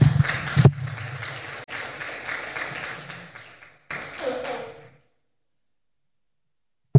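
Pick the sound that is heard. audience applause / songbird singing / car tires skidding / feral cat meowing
audience applause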